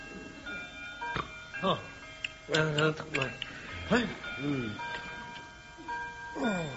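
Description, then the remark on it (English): A clock ticks steadily while sustained, ringing chime tones hang in the background as the clock strikes twelve o'clock, with voices murmuring and sighing over it. “Oh, 12 o'clock.”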